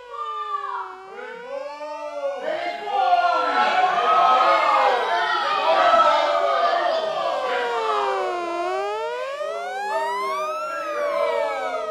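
Several sirens wail together in New York, about 300 steps from a station, their tones rising and falling in overlapping sweeps, loud and continuous for the whole stretch with no talking.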